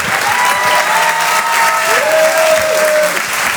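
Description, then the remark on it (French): A comedy club audience at the Rire et Chanson Comedy Club, Apollo Théâtre in Paris, applauds steadily and loudly as comedian Alexis Le Rossignol is introduced. Cheers and whistles rise over the dense clapping throughout. “Faites du bruit s'il vous plaît pour Alexis Le Rossignol.”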